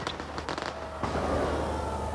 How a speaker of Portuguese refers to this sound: Agora sim, fogo de artifício.